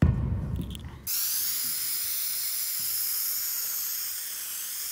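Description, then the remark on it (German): A low rumbling burst for about a second gives way to a steady, high-pitched hiss of a spray lance fed by a pressure tank, spraying adhesive primer for the waterproofing without pause to the end. “Im nächsten Schritt tragen wir den Haftgrund für unsere Abdichtung auf und es wird hier mit der Sprühlanze und dem Druckbehälter gemacht.”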